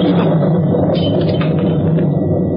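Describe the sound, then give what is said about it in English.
A deep, sustained rumble of thunder during a storm rolls steadily through the whole moment, loud, with no voices over it. “Well, a bit nervous, Grano? Don't like the thunder.”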